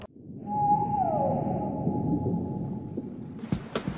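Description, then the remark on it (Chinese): A single loud, steady whistle blast, blown on a boat at sea to call East Asian finless porpoises, rings out briefly and then trails off, set against a constant rumble of boat engine and water noise, with a few sharp knocks near the end. “哨声响起，这群水中精灵探出脑袋，自在地徜徉在茫茫大海。”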